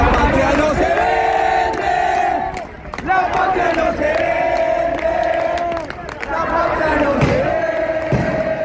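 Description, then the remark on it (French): A large protest crowd in the rain outside the congress in Buenos Aires, which is to vote on a law, shouts and chants together in loud, sustained waves, with voices rising in unison, dipping briefly, then swelling again, and sharp bangs scattered through the roar. “À Buenos Aires, face au congrès qui doit voter la loi, la foule est nombreuse malgré la pluie.”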